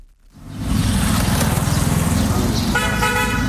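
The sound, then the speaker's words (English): Busy street traffic in downtown Cairo, by a food cart and small shop with metal chairs and tables on the street, with a steady engine rumble and a constant roar, and a car horn honking clearly toward the end over the steady din. “I meet two women having breakfast at Nasser Fayoumi, an unassuming food cart and small shop in downtown Cairo with metal chairs and tables on the street.”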